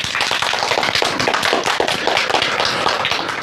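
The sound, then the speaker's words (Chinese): Students burst into sustained applause to welcome guest speaker Hu Xiaochun, the 19th keeper of Huangshan's Welcoming Pine: many hands clapping in a dense, steady wash of sharp crackling claps at an even, loud level with no voices over it. “同学们，让我们掌声有请今天的第二位思政辅导员胡晓春老师，欢迎。”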